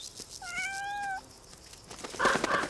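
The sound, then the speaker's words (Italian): A single thin, high-pitched kitten meow, held for nearly a second, followed by a brief burst of rustling noise against a faint background hiss. “Fino ad ora il gattino ha condotto una vita protetta.”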